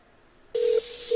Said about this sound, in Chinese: 等我啊，等我打个电话啊。